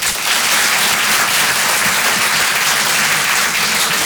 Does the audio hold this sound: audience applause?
yes